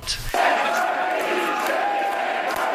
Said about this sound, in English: Quebec, a country, chanted the crowd at PQ headquarters.